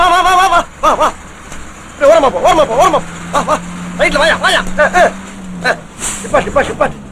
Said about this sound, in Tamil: வண்டி 20 மேல போகாது. இந்த வண்டிக்கு 20 ஜாஸ்தியா? பஞ்சாப் லாரி